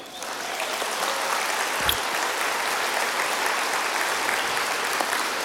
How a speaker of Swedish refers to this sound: Och där sitter hon. En applåd för henne.